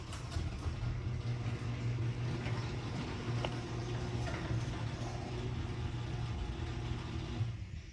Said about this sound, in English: Now, I'm going to play the after right now, which is after I got my 10 nylon rollers put on my garage door system. And you may need to turn your radio up, everybody, because there's a huge difference.